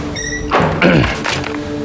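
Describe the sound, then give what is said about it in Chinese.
A door swings open as someone enters without knocking, a brief scrape and soft thump followed by a short creaking slide, over a faint steady hum with no one speaking. “怎么进来也不敲门，也没规矩。”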